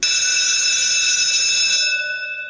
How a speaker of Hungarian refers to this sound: És valahol a háttérben megszólal egy csengő.